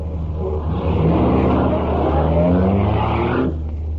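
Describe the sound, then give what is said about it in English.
The engine of an old souped-up car rumbles and revs up, its pitch climbing steadily as it pulls away, loud and continuous before cutting off abruptly near the end, with no voices. “The way Pop drives, this buggy's strictly a slow old oil burner. Well, let's see what she can do”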